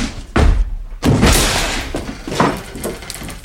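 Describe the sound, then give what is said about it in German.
Heavy thuds pound against a door as someone forces it open: two loud blows followed by a couple of weaker knocks and rattles. “Was tun Sie denn? Die Tür auf.”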